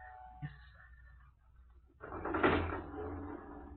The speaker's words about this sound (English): We will work the lift ourselves. Get in, gentlemen.